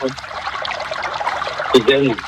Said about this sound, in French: Non, l'eau, c'est bien de l'entendre. Ah oui, tu as raison, mais c'est bien d'entendre l'eau.